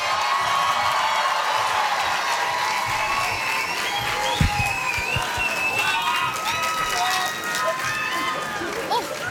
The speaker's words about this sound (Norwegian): En stor applaus for årets urørt